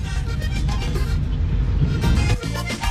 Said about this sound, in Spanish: Aquí …, por las calles de Neiva, le habla …. Mucho trancón. Están dañados los semáforos. Están dañados los semáforos, Camilo.